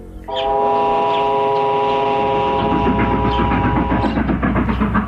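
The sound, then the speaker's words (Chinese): A train whistle sounds one long, loud, steady blast lasting several seconds, over the continuous rumble and clatter of a moving train leaving the capital at 8 in the morning. “火车一声长鸣，早晨8点钟，段总长带着高不救等几个贴身随员悄悄地离开了京城。”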